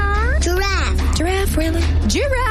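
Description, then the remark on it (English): A voice imitates a cat, producing several drawn-out, rising-and-falling meows in quick succession, fairly loud over a steady low hum. “Dog. Cat.”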